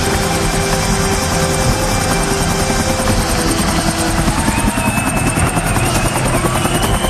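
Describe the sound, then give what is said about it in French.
A helicopter arriving over a stadium for a concert on 5 September roars loudly overhead, its rotor blades beating in a steady rapid chop over a dense engine whine that holds throughout, with no voices. “se vengera dès le lendemain 5 septembre en arrivant sur le stade en hélicoptère.”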